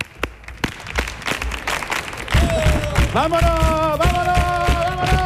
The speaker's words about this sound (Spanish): Venga, ¿cómo puede ser este público que me haga ahí unas palmas? A compás.